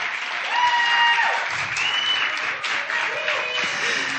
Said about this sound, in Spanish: Un fuerte aplauso.